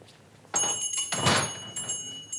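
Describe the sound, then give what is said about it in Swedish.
A pharmacist closes his shop door at closing time with a muffled thump, followed by scraping and clicking as he locks it, with faint metallic rattles near the end. No one speaks. “Han låste dörren ordentligt efter barnen och tänkte på att nu skulle det bli skönt att komma hem och få en bit mat.”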